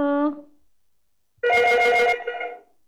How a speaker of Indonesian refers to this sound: Sudah ada telepon lagi kah, Kak Riza? Iya, bunyi ya, itu bunyi.